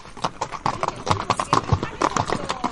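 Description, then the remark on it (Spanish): Horse hooves clip-clop in a steady rhythm on a horseback ride in Andalusia, Spain, a quick run of sharp knocking beats, with faint background voices underneath. “Te invitamos a conocer Andalucía de una forma muy especial, a caballo.”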